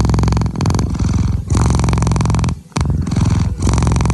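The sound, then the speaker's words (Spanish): A cat purrs steadily and loudly, a deep rumbling vibration in long rhythmic cycles with brief breath pauses between them, no voices present. “Hacen los gatos cuando están a gusto, el ronroneo.”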